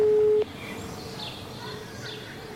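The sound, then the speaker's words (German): A loud, steady electronic telephone tone sounds briefly, then cuts off abruptly as a call to a mobile number is hung up, leaving a quiet background with faint chirping. “Die private war nicht vergeben und die Mobilnummer wurde aber aufgelegt zum Schluss, würde ich sagen.”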